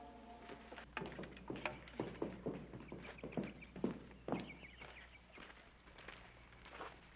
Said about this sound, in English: Adam's horse just came in. Adam's horse? Yes, sir. He still got the saddle on him.